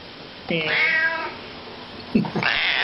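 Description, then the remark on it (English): A cat in a studio meows twice: first a long, drawn-out wavering meow, then after a brief pause a shorter, sharper meow that rises in pitch. Both are fairly loud and clear. “also have a horse in the studio and a cat.”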